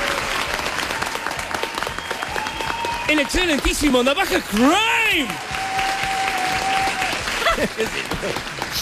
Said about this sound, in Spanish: Un aplauso, por favor.